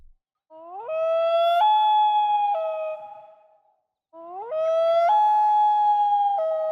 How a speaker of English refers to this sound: Typically, you'd be kind of lucky if you spotted that loon in the distance before it disappeared underwater or flew out of sight. They're not what you'd call social birds where humans are concerned.